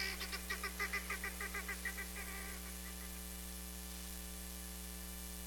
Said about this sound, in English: Helmeted guinea fowl are easily domesticated, but they'll always remain flighty, squawky, birds in a panic.